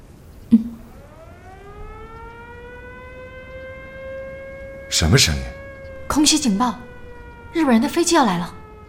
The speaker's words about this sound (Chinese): 什么声音？ 空袭警报！日本人的飞机要来了！快走！